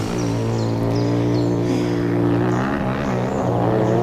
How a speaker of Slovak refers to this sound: Kde sa tu berú motorky? Hej, vy tam! Čo je to tu? Motocyklová rally?